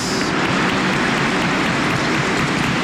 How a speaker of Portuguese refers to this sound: Uma salva de palmas ao casal jubilar. Aos aniversariantes.